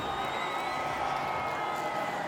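An audience applauds steadily, a dense, even wash of clapping that holds at the same loudness throughout, with faint cheers and whoops mixed into the crowd noise.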